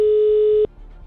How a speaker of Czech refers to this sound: Natahuji se k telefonu a vytáčím telefonní číslo. Pojďme na to, teď se to stane. Tak, je vytočeno. Si dal ten telefon dneska bokem. Jsem nevěděl na to číslo pořádně. Ale snad zvoníme správně.